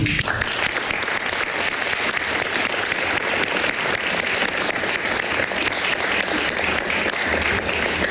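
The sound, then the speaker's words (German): A large audience claps steadily and loudly for several seconds, a dense, continuous wash of applause with no talking over it. “Und für ihn dennoch hier auch fürs Tonband und für die Dokumentation nochmal einen ganz großen Applaus.”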